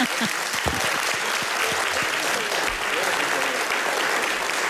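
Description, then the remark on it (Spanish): Sustained applause from an audience at an event in Zaragoza, a dense steady wash of many hands clapping at an even loudness throughout, with a few sharper individual claps standing out. “te mereces un aplauso.”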